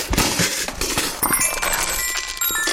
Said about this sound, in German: Hier, das hat sogar dabei noch Musik gemacht. Mein kleines Metallophon ist mir rausgepurzelt.